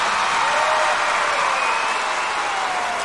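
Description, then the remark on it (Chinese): Dense, steady applause and shouting from an audience cheering a traditional horsemanship performance, a continuous crackle of many clapping hands with a crowd roar and cheering shouts blended in, loud throughout. “掌声、呐喊声，来，一、二、三，走！”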